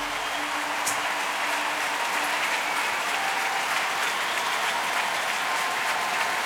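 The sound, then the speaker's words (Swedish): A full arena audience at Wiener Stadthalle in Vienna applauds steadily, a dense, continuous, reverberant wash of clapping with a faint undertone of cheering, loud and sustained without pause. “Populärt i publiken, det ser ut att vara fullsatt här ikväll i Wiener Stadthalle.”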